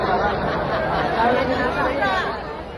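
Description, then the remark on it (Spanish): The crowd at a Friday concert at the Ciudad de las Artes shouts that the sound cannot be heard: loud, overlapping voices and raised shouts, a continuous roar of agitated chatter with no single voice standing out. “Este es el ambiente del concierto del viernes. El público gritaba que no se oye.”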